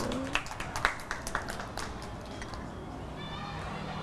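A group of children claps for a classmate, a brief burst of uneven, scattered claps lasting about two seconds before trailing off into quiet background noise.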